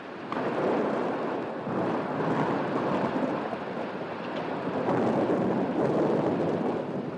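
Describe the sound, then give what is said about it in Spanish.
A big thunderstorm breaking over a garden: a steady, loud roar of stormy weather with deep rolling rumbles, like thunder blended with heavy wind, sustained throughout with no clear pauses and no voices. “Cuando de improviso el cielo empezó a ennegrecerse y estalló sobre el lugar una gran tormenta.”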